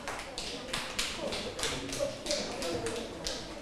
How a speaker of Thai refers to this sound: แล้วนักเรียนปลายทางล่ะคะเห็นด้วยกับเพื่อนไหมคะถ้าเห็นด้วยกับเพื่อนนะคะก็ปรบมือให้กับกลุ่ม4ด้วยค่ะ